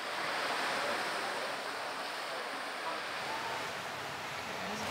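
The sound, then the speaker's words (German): Steady roar of increasing surf breaking on a beach, a dense continuous wash of waves with no distinct pauses, fairly loud and unbroken throughout. “Die Brandung nimmt zu.”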